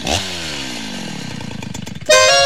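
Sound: chainsaw engine roaring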